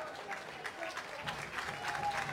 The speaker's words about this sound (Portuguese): Vinícius é agora aplaudido porque passa aqui à frente da bancada.